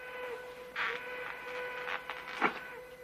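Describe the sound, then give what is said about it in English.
A faint train whistle holds one steady tone throughout, mixed with soft mechanical clatter and a few brief rushing bursts. No one speaks. “hears the train whistle and checks his pocket watch.”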